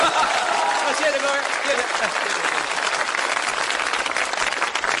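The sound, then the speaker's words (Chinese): An audience at a crosstalk (xiangsheng) comedy performance applauds steadily for about five seconds, a dense, even wash of clapping that holds at a fairly loud level throughout. No voices stand out above it. “您说像您这么没皮没脸的跟观众直接要掌声，观众好意思不给你鼓吗？”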